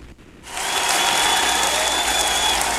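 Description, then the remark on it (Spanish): After a brief quiet moment, a crowd breaks into loud, sustained applause, a dense wash of clapping that stays steady for a few seconds. “Eso, fuerte los aplausos porque recibimos al mero mero señor desde Tehuantitán, Jalisco.”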